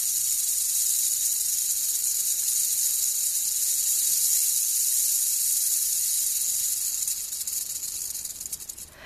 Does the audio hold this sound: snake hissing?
yes